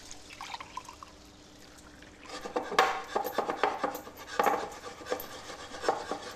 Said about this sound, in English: Time for some chocolate ganache, which is quite simply equal amounts of cream and chocolate. So when the cream comes to a little simmer, just pour it onto your chocolate.